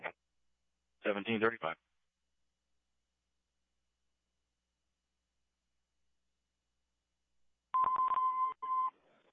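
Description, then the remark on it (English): Fire dispatch cancellation tones over a radio, sent after EMS on scene advised that fire can cancel: after a short garbled radio burst and a long silence, a steady electronic tone sounds for about a second, followed by a brief second beep. “Do you want cancellation tones?”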